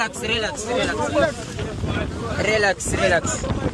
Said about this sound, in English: Let's just remind ourselves of that moment. The gendarme boat appeared.